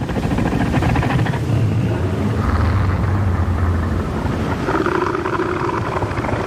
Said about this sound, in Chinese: 最好的防御方式是避免发生打斗。所以雄性北向海豹会用具有威慑力的叫声警告其他雄性保持距离，划分出自己的领地。